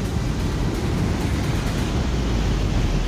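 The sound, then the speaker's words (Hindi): A mountain stream swollen by flooding in the Mayad valley of Lahaul and Spiti, Himachal Pradesh, India, rushes in a steady, loud roar of churning water, dense and low-heavy, with no pauses and no voices throughout. “लाहौल स्पीति की मयाड़ घाटी में नालों में उफान है।”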